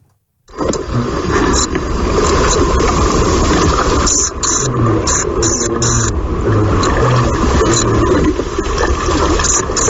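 A common pipistrelle bat's mating call, played as a steady, loud buzzing rasp with clusters of short, sharp chirps repeating through the middle, and no voices.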